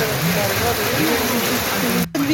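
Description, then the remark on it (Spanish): Heavy rain pours down in Cauquenes in a steady, dense, loud hiss, with a voice talking faintly beneath it and a brief cut near the end. “esto es el video, la lluvia hasta ahora”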